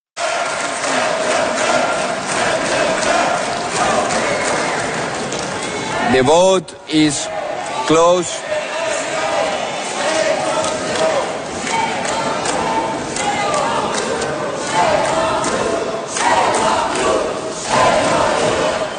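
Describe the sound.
A packed parliament chamber erupts in loud, sustained booing and shouting from many voices after a vote, right and far-right deputies shouting "send them back" and left deputies answering "shame on you", with a brief spoken announcement cutting through the din partway before the uproar swells again.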